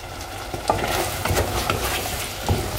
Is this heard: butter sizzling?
yes